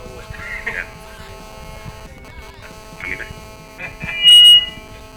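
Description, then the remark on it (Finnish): A cassette tape spins in a player with a steady mechanical whir and hum, small squeaks and rattles throughout, and a brief louder high-pitched buzz near the end. “Vittu kun tää kiertää näin saatavasti.”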